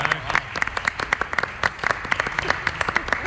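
A burst of applause from a small group, many hands clapping in quick, uneven, overlapping claps that stay steady and fairly loud for a few seconds.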